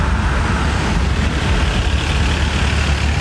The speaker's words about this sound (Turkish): Tatilciler Muğla'da Menteşe ve Yatağan arasında kilometrelerce uzayan trafik kuyruğunda sıkışıp kaldı.